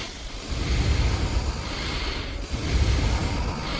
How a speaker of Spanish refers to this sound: Quiero oír tu respiración, ¿eh? ¿Cómo es la tuya? … también. … ¿eh? También. Sí. Pero fíjate, mira, vamos a respirar los 3 a la vez.